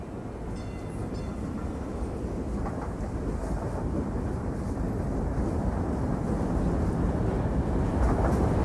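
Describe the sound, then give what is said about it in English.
A futuristic train, a sleek tube that is white on the inside with reclining chairs, rolls along with a steady, heavy low rumble and a faint airy hiss above it, continuous for the whole stretch, with no voices. “Growing up in Brooklyn, Harry Seldon had been riding on trains his whole life. Or at least he thought he had. This thing he was in at the moment was more like a rolling Christmas tree.”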